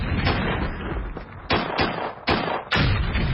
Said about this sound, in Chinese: 说话间，从南边传来了隆隆的炮声。傅秋涛握着于林章的手高兴地说： 你听这炮声，黄伯韬兵团已经被咱们给包围起来了。